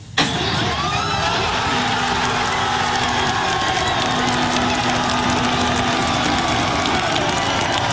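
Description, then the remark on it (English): A loud, steady roar of sports fans in Los Angeles and Canada cheering Team Canada's World Cup win over South Africa in the round of 32 fills the whole clip, dense and continuous, with a sustained low horn-like tone sounding through the crowd noise in the middle. “Fans in Los Angeles and right here at home cheering the team on.”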